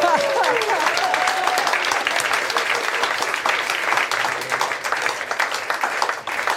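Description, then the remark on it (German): An audience breaks into steady applause, a dense wash of clapping that holds at a fairly loud level throughout, with a brief voice or cheer rising over it at the start. “Applaus für den Huflattich von morgen!”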